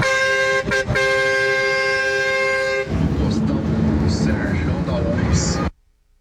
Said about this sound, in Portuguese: Ó, o outro espanta a onça na buzina.